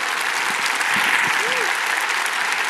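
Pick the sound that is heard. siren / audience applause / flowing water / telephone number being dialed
audience applause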